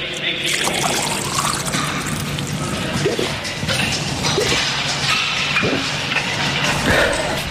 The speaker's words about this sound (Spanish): hemos descansado para beber agua.